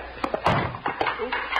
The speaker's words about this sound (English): Didn't mean to knock over the chair. I'll get it.